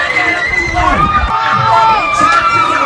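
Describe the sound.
A crowd in Yaoundé, Cameroon, cheers and shouts with joy at the final whistle as Cameroon's women's team wins the Women's Africa Cup of Nations 3-0 against Malawi in Rabat. Many high excited voices overlap in a loud, continuous roar of celebration, with whoops and cries rising above the din.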